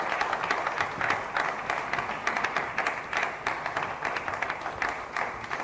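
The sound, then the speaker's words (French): Sustained applause from a crowd welcoming Julien Paluku Kaongia, Minister of Foreign Trade, on stage; a dense patter of many hands clapping at once with sharp individual claps standing out, steady and fairly loud throughout with no voices. “Seul sur ce plateau, nous avons aussi le ministre du Commerce extérieur, Monsieur Julien Paluku Kaongia, sous vos applaudissements, Monsieur le ministre.”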